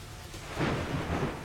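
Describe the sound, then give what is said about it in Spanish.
A short burst of thunderstorm noise in Puebla: a low, rolling rumble of thunder swells over a steady hiss of heavy rain, fairly loud and with no voices. “Y tenemos más información y hablemos ahora de las tormentas, las fuertes lluvias que se han registrado en distintos puntos de Puebla y que dejaron ya afectaciones principalmente en Ciudad Cerdán y la Sierra Norte,”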